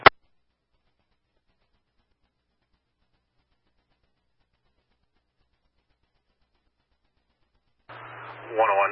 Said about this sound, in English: your radio is heavy static, but go ahead, try.